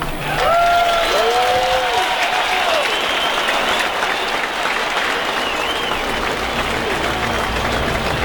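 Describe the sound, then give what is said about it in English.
A large stadium crowd in the United States applauds as it stands for the Star Spangled Banner on the 25th anniversary of the September 11 attacks, a dense, continuous wash of clapping with a few brief whistles or tonal glides rising above it early on; the level holds fairly even throughout. “Obviously a big couple of days, in the United States, the 25th anniversary of the September 11 terrorist attacks, and the crowd about to stand as one for the Star Spangled Banner.”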